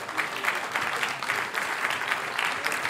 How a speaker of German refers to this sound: Ja, kräftigen Applaus, Dankeschön dafür.